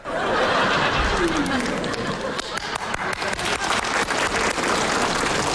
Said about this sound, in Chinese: 你姨跟你姨夫给你鼓掌了。